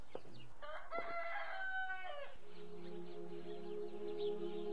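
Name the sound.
rooster crowing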